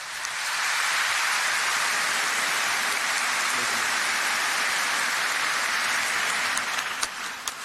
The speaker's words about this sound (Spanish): Y así como también entre Oveape, Guaraña y Mebago, Árape, para todos un fuerte y caluroso aplauso.